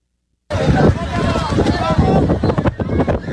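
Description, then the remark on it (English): After a short silent start, strong wind roars and buffets the microphone loudly and continuously at a kite convention, with muffled voices partly buried beneath the gusts. “So they, I mean, it's very windy.”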